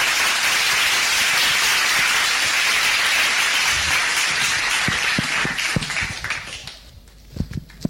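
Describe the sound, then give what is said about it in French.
A crowd at a prize-giving applauds a choir master as he comes up to the podium to receive a prize, with dense, steady clapping for several seconds, then the applause thins out and fades to a few scattered claps at the end. “On l'applaudit, le maestro, le temps qu'il monte et qu'il fasse, voilà.”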